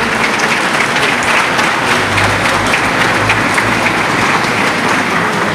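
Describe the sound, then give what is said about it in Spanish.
Sustained applause from those present at a Lima and Callao Metro Line 2 event, welcoming the line's general manager to speak: a dense, steady wash of many hands clapping at an even loudness for several seconds with no voices on top. “A continuación, escucharemos las palabras de bienvenida a cargo de la señora Carmen de Olofumo López, gerente general de la línea 2 del metro de Lima y Callao, con el aplauso de todos los presentes.”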